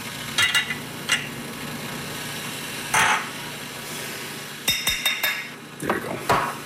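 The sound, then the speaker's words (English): Coffee is scooped and tapped into an espresso portafilter: scattered metallic clinks and scrapes, then a quick run of sharp taps, all over a low, steady background hum with no talking. “We're going to fill our portafilter.”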